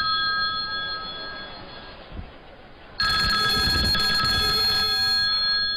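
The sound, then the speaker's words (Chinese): A telephone rings with a steady electronic ringtone of sustained bright tones, fairly soft at first, then suddenly louder and fuller for the second half, with no one speaking. “重机枪来电话了。”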